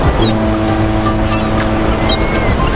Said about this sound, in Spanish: Escucha, parece que estamos junto al mar, ¿verdad?